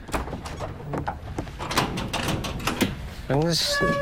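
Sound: door being opened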